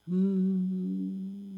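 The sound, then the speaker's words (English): A voice imitates a refrigerator hum with a steady, low, droning tone, fairly loud, held for about a second and a half, with no talking. “I hear the fridge hum.”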